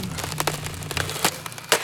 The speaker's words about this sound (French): Il a pris un marteau pour taper. Un marteau énorme et lourd, lourd. Et dans le mur, ça fait... Boum, boum, boum, boum.